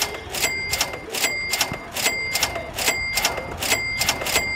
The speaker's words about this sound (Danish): Ja, men jamen, så tror jeg da, vi skal have fyret op for nogle flere mønter i det her kasseapparat.